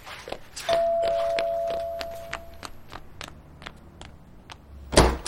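A steady run of footsteps moves at a brisk pace to the front door while a ringing tone fades, ending in a louder thump as the front door is pulled open for a food delivery.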